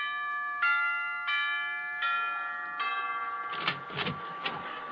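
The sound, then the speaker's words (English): The doorbell of Frank Sinatra's house chimes in a rapid series of about four bright, ringing notes, followed by a busier jangle of chimes and knocks toward the end, clear. “Gee, Sinatra has some house. Well, I'll ring the bell.”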